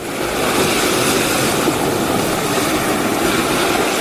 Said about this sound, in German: Also ich würde mal sagen, das sind die Wellen. Ja, sehr gut.